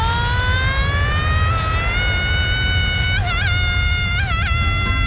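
A person lets out one long, loud, high-pitched scream while riding the Space Shot drop tower at Tusenfryd. The scream climbs slowly in pitch, then wavers and warbles toward the end, over a steady low rumbling noise.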